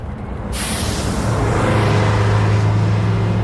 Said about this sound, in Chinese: 汽车在京沈高速上疾驰，戚艳荣专心开车，没有说话。